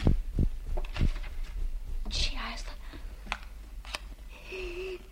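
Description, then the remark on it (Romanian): A match is struck, a short rasping scrape flaring into a brief hiss, after a few small clicks and handling noises, then a faint steady tone lingers. “A prins un chibrit.”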